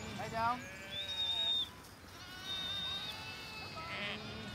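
sheep bleating

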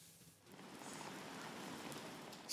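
rain falling outdoors

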